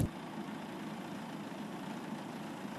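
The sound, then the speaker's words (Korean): A tractor engine drones steadily while cutting rice in a paddy field at Cheonsu Bay, a low, continuous rumble holding an even level throughout with no voices. “그리고 지금 논에는 지금 다 수확이 돼 있고, 지금 저기 보면 트랙터가 하나 예. 배를 베고 있는데”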